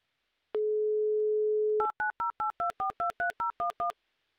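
A steady telephone dial tone holds for about a second, then ten quick touch-tone keypresses beep out in a brisk, even rhythm as radio hosts dial a listener, each a short two-pitched chirp. No voices.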